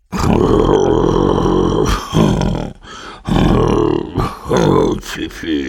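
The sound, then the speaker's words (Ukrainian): A voice imitates two people snoring: loud, rasping snorts and throaty groans in several uneven bursts with short pauses, switching between two different styles of snore. “Тоді показав малому, як дядько Юліус і панна цап хропуть.”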